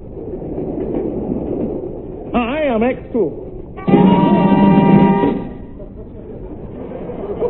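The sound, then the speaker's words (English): A train to London rumbles steadily along the rails, and partway through a wavering whistle sounds, followed by a long, loud, steady horn blast before the rolling rumble carries on. “I'd hardly got on board the train to London when I had the uneasy feeling I was being watched.”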